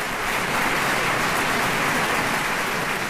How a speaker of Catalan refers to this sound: Els acompanyen l'Orquestra Simfònica del Vallès i el cor Amics de l'Òpera de Sabadell, que, dirigits pel mestre Daniel Gil de Tejada, rebien aquests aplaudiments.